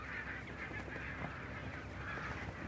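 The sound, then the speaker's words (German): Thousands of barnacle geese honking continuously while grazing on protected meadows by the aircraft plant west of the harbour at the end of summer, a dense chorus of overlapping mid-pitched yelps with no voices, steady and fairly loud throughout. “Beim Flugzeugwerk westlich des Hafens äsen tausende Nonnengänse auf geschützten Weiden.”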